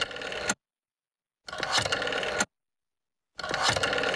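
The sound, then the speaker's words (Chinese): A telephone being dialed to call the Yuelai Hotel: three bursts of rapid mechanical clicking and whirring, each about a second long, separated by short silent pauses, with no voices. “说着，齐长鹏就抓起电话，沁了几个电话号码。”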